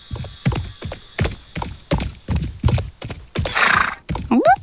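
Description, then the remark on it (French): Steady hoofbeats clip-clop in a brisk rhythm, about two per second, followed by a snort and a short, rising horse whinny at the very end. No one speaks. “Un cheval qui court au galop dans le ciel.”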